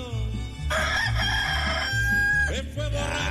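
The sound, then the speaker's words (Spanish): A rooster crows once, loud: a long, strained call that rises, holds, then breaks off. A steady, low thumping rhythm like music plays underneath the whole time. “Ya cantó el gallito, ya cantó el gallo.”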